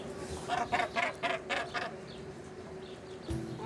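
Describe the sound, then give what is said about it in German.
A run of about five harsh, rasping northern gannet calls in quick rhythmic succession, followed by a steady hum of a crowded gannet colony and one more sharp squawk near the end. “Basstölpel leben in riesigen Kolonien von bis zu 60.000 Vögeln.”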